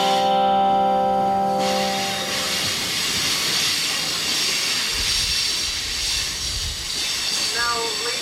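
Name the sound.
train running on rails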